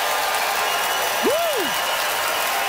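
An audience at the McPherson Playhouse claps to vote for comedian Katie Ellen Humphries, a dense, even wash of applause, with a single brief swooping whistle that rises and falls partway through.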